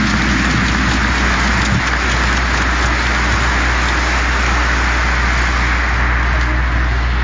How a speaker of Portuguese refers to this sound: A nossa salva de palmas, a palavra de Jesus.